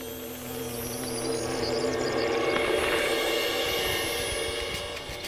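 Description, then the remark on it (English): A wall carder bee buzzes at an old wooden fence, a steady, droning buzz with a low, harmonic hum that holds for several seconds, swelling slightly in the middle before easing off. No voices are present. “A wall carder bee has moved in.”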